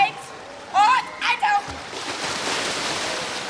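Children shout and squeal in a few quick bursts, then a steady wash of splashing water and echoing pool noise fills the space, like kids playing in a swimming pool.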